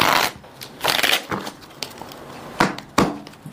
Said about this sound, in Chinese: 那接下来呢，我们要做的事情呢，就是把它这样子去切乱。好，来帮我切一下。OK， 好，这个还切还不够乱，那咱们得去这样去洗牌。